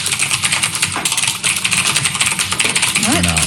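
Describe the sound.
Rapid, steady clacking of keys on a mechanical keyboard, dense and continuous, with a brief voice-like tone rising near the end.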